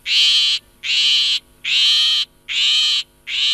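shrike song

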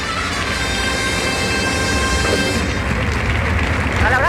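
bullring crowd ovation

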